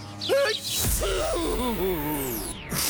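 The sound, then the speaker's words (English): A loud sneeze from spring allergies: a sharp gasping intake of breath, then a burst, followed by a drawn-out wavering vocal sound. “I cough, sniffle, and sneeze along with the beat of the songs.”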